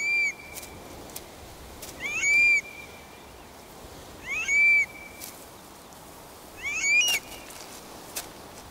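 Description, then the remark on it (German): A Eurasian stone-curlew gives four shrill, wailing whistled calls, each with a rising slur, repeated about every two seconds against a steady rushing outdoor background. “Ständig bleibt der Triel aufmerksam, um sicherzugehen, dass kein Feind in der Nähe lauert.”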